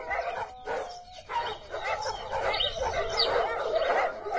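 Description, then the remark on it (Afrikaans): Several dogs bark and yip excitedly as they storm into a barn, overlapping in a busy, continuous clamor with some higher whining calls mixed in. “En dis ook net betyds, want die honde storm by die skuur in.”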